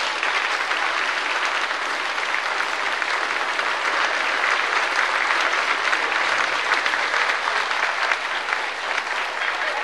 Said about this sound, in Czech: Hezky. A ještě jí tleskejte za tu pětku.